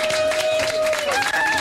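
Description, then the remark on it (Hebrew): A dense wash of crowd noise, like an audience clapping and cheering for IDF Golani soldiers arriving at the event, fills the short moment at a steady, loud level, with a sustained tone running through it. “ערב טוב חיילי צה"ל, תשאו להם מחיאות כפיים!”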